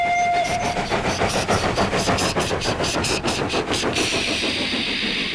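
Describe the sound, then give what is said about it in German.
A diesel locomotive horn, from the diesel engines Harry and Bert, gives one short blast, then the rhythmic clatter of a passing train takes over, loud, ending in a steady rushing hiss. “Diese Loks haben keine Pfeifen, sie haben stattdessen Hupen.”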